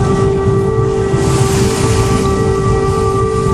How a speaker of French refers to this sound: Et oui, là, vous entendez ce qui se passe au-dessus de nos têtes, en fait, en Ukraine en permanence. Donc, la sirène, je crois avoir reconnu un souffle également de missiles.